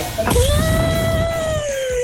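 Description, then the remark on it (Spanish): A person at an elephant casting imitates an elephant's trumpet with one long, loud, high-pitched wail that holds steady for nearly two seconds and sounds more like an angry cat's yowl. “No, eso parece un gato. Eres un gato.”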